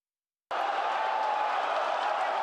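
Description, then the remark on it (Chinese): After a brief silence, a large crowd of football fans suddenly erupts into loud, sustained cheering and shouting, a dense wall of voices that holds steady without letup, at a 2026 World Cup viewing event in a Hong Kong shopping mall. “球迷的欢呼声，穿上球衣的爱宠狗狗，430寸大电视直播赛事。”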